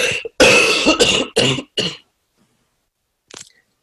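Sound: cough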